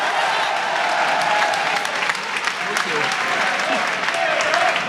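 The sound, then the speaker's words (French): Steady, sustained applause from an audience for the president of the Jeunes LR, Théo Hamsadi, a dense wash of clapping that holds at an even loudness for several seconds with no voices rising above it. “Je voudrais saluer et que vous l'applaudissiez vraiment, le président des Jeunes LR, Théo Hamsadi.”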